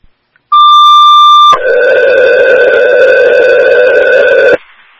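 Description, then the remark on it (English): A loud electronic alarm tone sounds during an alarm test, starting with a steady two-pitch beep for about a second, then switching to a harsher, sustained buzzing tone that holds for three seconds before cutting off. “Test complete, regard for alarms.”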